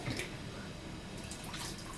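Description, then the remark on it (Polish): Water is poured in a steady, continuous stream while making a broth, a moderately loud splashing trickle that runs for the whole moment with no voices over it. “Nie wlewamy oczywiście całej butelki wody, bo później w garnku wywar byłby zanadto rozcieńczony.”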